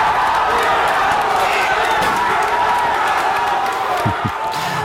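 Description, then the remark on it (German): A large crowd of football fans watching Germany's match at the Osthafen in Saarbrücken cheers loudly as Germany equalizes in the penalty shootout thanks to Manuel Neuer, a dense, unbroken roar of many voices that holds steady throughout, with a couple of dull thumps near the end. “Und in dem Moment war am Saarbrücker Osthafen hier, wo viele Fans das Spiel geguckt haben, der Jubel natürlich auch riesig gewesen.”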